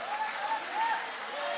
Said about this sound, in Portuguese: Levanta a mão aplaudindo, levanta a mão adorando.